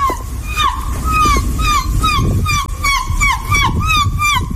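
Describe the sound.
A woman imitates a seagull, using her prize-winning technique, with a rapid run of shrill, swooping squawks, about a dozen in quick succession, over a steady low rumble.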